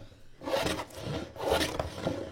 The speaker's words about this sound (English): The sounds of sanding, filing, and chipping, and the aroma of spruce fills a classroom in Thunder Mountain Middle School early Monday morning. Students are working on something pretty atypical of a conventional classroom experience.